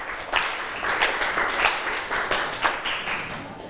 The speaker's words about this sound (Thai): ค่ะขอบคุณกลุ่มที่5ปรบมือให้เพื่อนหน่อยค่ะ